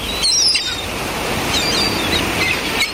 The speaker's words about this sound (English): Ah, yes, the four S's, sun, sea, sand and seagulls. Absolutely perfect.